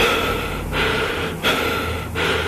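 Loud breathing with a harsh, hissing, mechanical quality: steady inhales and exhales cycling about every 0.7 seconds, repeating three or four times with no talking.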